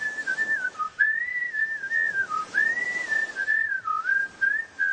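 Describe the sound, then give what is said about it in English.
A group of little furry creatures whistles high-pitched and steadily for several seconds in a wavering, sliding tune with brief dips in pitch, clear with no talking. “They're whistling for Chetas.”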